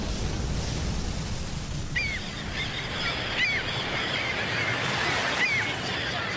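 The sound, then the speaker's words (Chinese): Ambience at a large naval harbor: a steady, even rush of ocean waves fills the background, while a few short bird calls cry out at scattered moments. No one speaks. “这是大海军港。”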